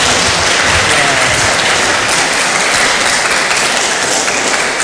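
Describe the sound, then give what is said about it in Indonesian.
Steady, loud applause from a crowd for a young person after their speech, a dense wash of many hands clapping continuously for about five seconds with no break and no voices standing out. “Kita tepuk tangan dulu buat adik ini dong. Tepuk tangan di sini.”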